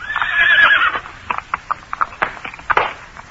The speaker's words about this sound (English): A horse attached to one of the wagons was playing up, and as it came opposite us, the driver produced a great stave, and cursing angrily, he began to belabor the unfortunate animal.